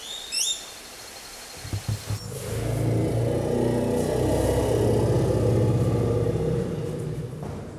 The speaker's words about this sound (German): Bisher haben wir noch jedes Fahrzeug in die Gänge gekriegt. Das ist nur eine Frage der Zeit.